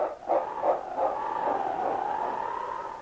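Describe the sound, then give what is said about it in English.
A large dog, King, gives a few quick barks as he turns and races down a snowy trail, then lets out a long, drawn-out whining cry that holds steady, with no voices around it. “And then, barking his determination, King turned and raced down the trail.”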